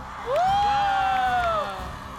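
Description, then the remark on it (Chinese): A large live audience at a public performance of the show Ride the Wind 2026 screams and cheers loudly, with high-pitched sustained shrieks rising over a dense roar of voices that swells quickly and holds for about two seconds. “观众朋友们，准备好你们的尖叫声了吗？”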